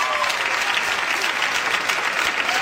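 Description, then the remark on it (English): An audience claps steadily, a dense wash of many hands at a fairly loud, even level for the whole stretch, with no talking over it. Women in the audience who have been a bridesmaid at a wedding clap in answer to a question. “Clap, you've been the bridesmaid.”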